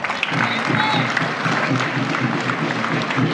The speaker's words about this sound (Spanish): Así que felicidades para cada uno de ellos que fueron. Para ellos un fuerte aplauso, por favor.